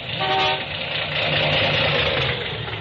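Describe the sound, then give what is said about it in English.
A car engine runs loud with a rough, uneven misfire, a brief horn-like toot sounding near the start; no one speaks. “Hasn't got the pickup of a kitty car. Well, it's misfiring some.”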